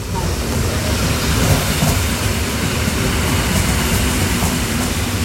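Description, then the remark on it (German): An S-Bahn commuter train rolls steadily into a station, its deep rumble constant, with faint clattering wheels and a light hiss on top; no one speaks. “Tu die S-Bahn fährt jetzt gerade ein, ja?”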